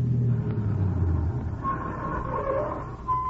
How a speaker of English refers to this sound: That car. Yes, I heard it. It doesn't have to be her. But I'm sure it is.